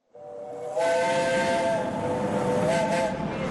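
A steam train whistle sounds in a steady, sustained tone with stacked harmonics, riding over a broad hiss of escaping steam as the train is about to depart; loud, with no one speaking.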